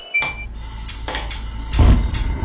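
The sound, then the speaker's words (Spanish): Dinner table sounds: a handful of sharp clinks and clatters of dishes and glasses at irregular moments, one brief ringing tone early on, over a low murmuring background with no clear speech. “Estos son los sonidos de una cena.”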